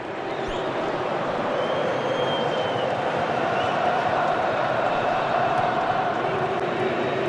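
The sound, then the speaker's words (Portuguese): Moroccan football fans, a minority in the stadium, chant during a stoppage in a match against Canada in Houston, a dense, steady roar of many voices holding at a constant loudness for the whole stretch, with faint sung pitches rising from the crowd noise. “Canta o torcedor marroquino, que é a minoria no estádio.”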